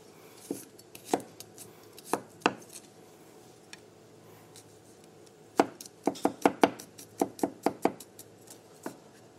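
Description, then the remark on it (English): A knife chops garlic sharply against a cutting board for a tahini sauce: a few scattered strikes at first, then a quick run of rhythmic, closely spaced chops, fairly crisp, with no talking. “So for the tahini sauce, we're going to start by chopping up some garlic.”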